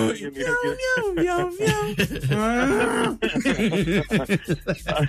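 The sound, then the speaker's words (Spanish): A person imitates a crying cow's moo in a drawn-out, wavering voice, with a long, low, mournful call in the middle, surrounded by other playful vocal noises. “Dice la vaca llorona.”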